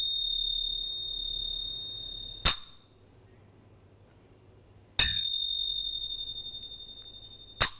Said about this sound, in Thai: ชิงเป็นเครื่องประกอบจังหวะก็คือเป็นเครื่องตีที่ทำจาก โลหะ ถูกต้องนะคะอ่ะทีนี้เราลองมาฟังเสียงชิงกันเสียงชิงจะมีชิงกับฉับนะคะอ่ะฟังนะคะ